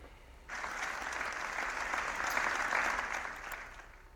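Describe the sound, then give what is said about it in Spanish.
After a brief hush, a crowd breaks into sustained applause that ends a minute's silence, a dense, steady wash of clapping that swells slightly midway and keeps going without voices. “El minuto de silencio ha finalizado con un sentido aplauso.”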